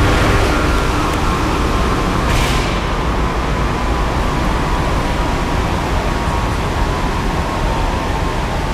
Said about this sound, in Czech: Vydávám pokyn k odstavení hlavního ventilátoru na dole ČSM lokality Jih dle příkazu závodního dolu.